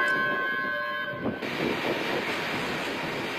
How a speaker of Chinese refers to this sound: 下午4:56，伴随着悠长的鸣笛声，红旗渠号红色旅游列车缓缓驶入红旗渠站。这趟列车车次定为 K1969 次。